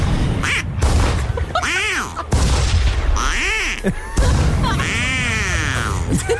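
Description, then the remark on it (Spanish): A few loud shotgun blasts from a group of hunters in a jungle boom out at intervals while a flock of flying ducks quack repeatedly and excitedly throughout, dense with no pauses. “Se dio cuenta que todos estaban disparando con sus escopetas.”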